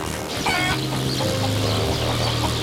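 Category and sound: animal, hens clucking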